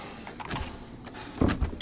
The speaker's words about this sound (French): nous a ouvert la porte de son atelier.